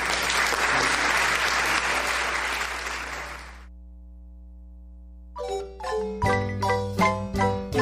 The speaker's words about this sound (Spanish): Le damos fuerte el aplauso a Jesús.